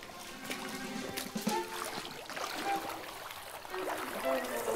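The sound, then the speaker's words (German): Water splashes and sloshes steadily for several seconds as an animal wades voluntarily into a lake, a busy, hissing wash of droplets with faint murmured voices underneath. “Endlich mal ein See und der freiwillig ins Wasser geht.”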